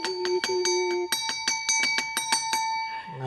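bell ringing

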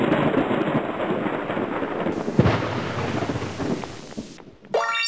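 thunder

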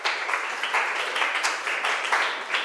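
classroom applause

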